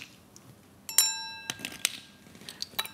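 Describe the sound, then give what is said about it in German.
Glasses clink together in a toast, a bright ringing chime near 1 second followed by a few lighter taps and rings, with faint background murmur and no clear speech. “Dann können wir doch wenigstens anstoßen hier.”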